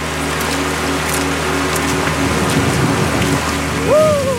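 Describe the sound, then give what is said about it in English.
A mountain creek, Pebble Creek, flows with a steady, even rushing hiss that fills the whole clip, joined near the end by a brief rising, whistle-like tone. It is the first landmark on a climbers' route in early June, with snow blanketing the surroundings. “Before long, the climbers reach their first landmark, Pebble Creek.”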